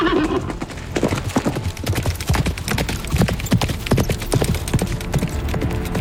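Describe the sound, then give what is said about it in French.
D'Artagnan's horse sets off: hooves clip-clop in a steady rhythm, with a brief whinny near the start; the sharp hoof strikes repeat evenly throughout, fairly loud, with no talking. “Enfin, si tant est que son cheval veuille bien démarrer.”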